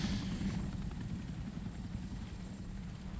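A helicopter's rotor thuds in a steady, loud, throbbing drone, its low rumble holding constant throughout with no voices over it.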